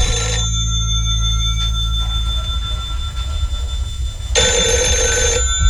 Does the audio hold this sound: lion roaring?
no